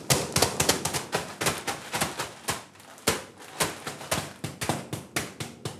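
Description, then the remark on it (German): Rapid, irregular tapping on the top of a mushroom growing block to slightly damage its surface: dozens of quick dull knocks on a firm, slightly hollow surface in bursts with a brief pause midway, no voices. “Wir einmal oben ein bisschen klopfen und die Oberfläche ein bisschen beschädigen.”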